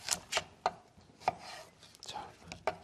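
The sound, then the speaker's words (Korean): A knife slices through cucumber on a cutting board in a series of crisp, irregular chops, each a sharp knock with a bright, crunchy edge, with faint rustling between strokes. “썰어주시고.”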